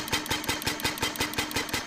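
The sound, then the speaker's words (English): The single-cylinder, four-stroke gasoline engine at the back of a replica 1886 Benz Patent Motor Car chugs steadily. Its rapid, even firing pulses repeat about eight times a second with a rattly mechanical clatter and no voices. “At the back, you'll see a combustion engine or gas engine, as it was called back then, which burns gasoline.”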